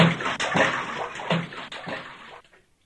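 Water splashing and sloshing heavily in a few rolling surges, close and fairly loud, then quickly dying away to quiet.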